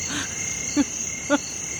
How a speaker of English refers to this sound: So, yeah, we are from the bush, you know. Listen to the grasshopper.